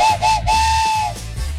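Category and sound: vehicle, train whistle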